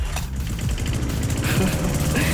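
A lawn mower engine, the SWR 4 radio station's summer sound, runs steadily with a loud, rough, buzzing drone and a low rattling pulse, holding an even level for the whole stretch with no voices.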